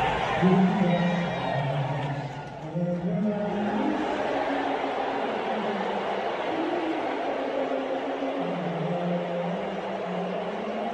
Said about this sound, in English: Almost unanimous booing of Donald Trump. They don't want him there.